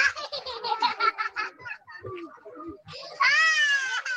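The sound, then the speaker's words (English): Ambient sound from a new displacement camp in Taiz governorate, Yemen: high, rhythmic bursts of a child's voice, like laughing or sobbing, then a pause and a loud, sustained, wavering high-pitched wail. “Bottomley shared sound with NPR from one of the new displacement camps there.”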